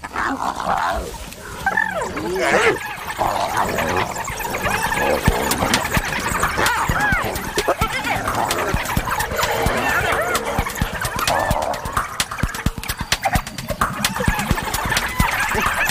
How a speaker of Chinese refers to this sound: 又来了一只，现在有四只了。刚刚来的那只斑鬣狗地位比较低，斑鬣狗自己打起来了。